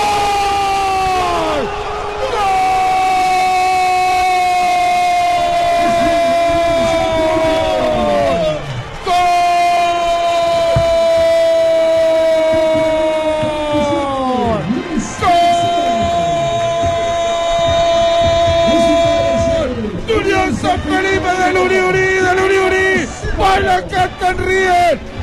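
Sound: stadium crowd shouting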